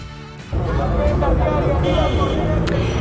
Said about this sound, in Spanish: España, el sonido del tráfico, los taxis, el país, nuestro país, vivía los últimos latidos del franquismo.